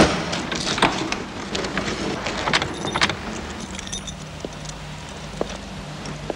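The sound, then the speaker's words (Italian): Giorgio Ambrosoli parks his blue Alfa Romeo Alfetta in front of his house: the engine hums low and steady while keys jangle in quick bursts, followed by a few sharp clicks and a soft thud as he gets out of the car. No one speaks. “E Giorgio Ambrosoli li accompagna a casa, poi torna indietro, parcheggia la sua Alfetta blu davanti a casa, scende dalla macchina.”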